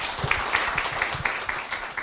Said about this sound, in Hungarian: Ezeket a gondolatokat egy nagy tapssal köszönjük meg.